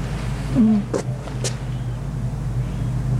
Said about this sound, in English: The roaring in the back is, that's the generator or some sound system.